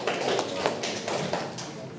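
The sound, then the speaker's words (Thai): A group claps together, a dense, steady patter of many hands with a few sharper slaps standing out, keeping an even loudness throughout, with faint voices mixed in. “เก่งมากเลยครับปรบมือครับ”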